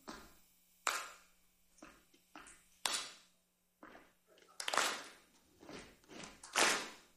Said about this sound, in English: So I'll show you. It's a combination of stomping and clapping.